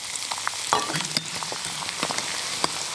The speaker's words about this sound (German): Dann schauen, dass das Schweinefett heiß ist. Und dann kommt das Ei rein und das flufft dann quasi auf. Und dann verriert man es noch.